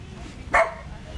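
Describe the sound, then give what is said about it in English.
A golden retriever, a year-and-a-half-old champion dog at a show yard, gives one short, sharp bark, clear, set against a low, steady background murmur. “We're here with champion dog of the show yard, the gorgeous and very friendly Murphy”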